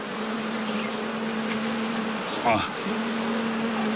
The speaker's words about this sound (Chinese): 按捺住采蜜挣钱的冲动，耐心等候放置一年才开箱检查。 有点重，要慢点。这个野生来的蜜蜂啊，急不得。